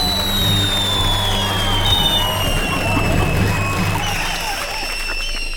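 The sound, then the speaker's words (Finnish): An audience applauds good answers to a question, a dense, steady clatter of many hands clapping at an even volume for several seconds, with a faint murmur of crowd voices mixed in. “Hyvät vastaukset ansaitsevat aplodit.”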